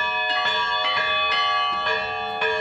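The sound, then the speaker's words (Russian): Church bells ring in a quick, steady sequence, each strike landing about twice a second over a loud, overlapping hum of sustained tones. The bells are clear, with no voices. “Сын любит не только в колокола звонить, но и на службы ходить и своему отцу помогать.”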